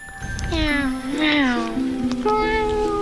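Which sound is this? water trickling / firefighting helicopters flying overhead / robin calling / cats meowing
cats meowing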